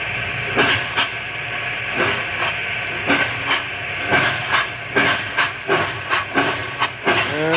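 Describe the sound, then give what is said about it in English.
A steam locomotive heading down a mountain rolls along with a steady hiss and a quick run of sharp clanks and wheel beats repeating at an uneven rhythm. No one speaks over the loud, busy rumble. “A locomotive can outrun a horse any day.”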